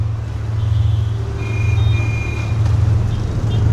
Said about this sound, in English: It takes an hour to wend our way the 7 kilometers from the airport to the hotel in the late afternoon traffic. Around us, the motorcycles, mopeds, and even more motorcycles swarm, loaded with extended families and curious cargoes